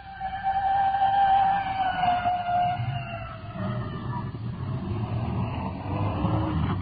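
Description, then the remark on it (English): A red fire department rescue squad respirator truck's siren wails past a vehicle pulled over to the side of the road, its tone sliding down as it goes by, with heavy engine and road rumble filling the low end throughout. “It's red, fire department, rescue squad. Slowing down. We're pulled over to the side. Let the respirator truck go by.”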